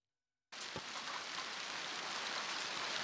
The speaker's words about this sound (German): Es ist kurz nach 10 Uhr, als der Hagelsturm über Bülach zieht. Die Stadt im Kanton Zürich wird hart getroffen.